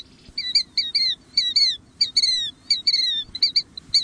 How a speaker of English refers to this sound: a killdeer, one of the most widespread and commonly seen shorebirds in North America. It's a handsome bird with a brown back and a distinctive pair of black bands across its white breast.